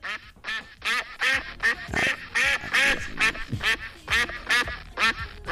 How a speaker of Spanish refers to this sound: Es el día mundial del ganso. ¿Cómo es el sonido del ganso